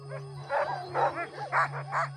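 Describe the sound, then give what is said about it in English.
Sled dogs bark and yip excitedly in a quick series of about five loud, overlapping bursts, with a steady low mechanical hum running underneath throughout. “And then I came here as a young adult, and I completely fell in love with the dogs.”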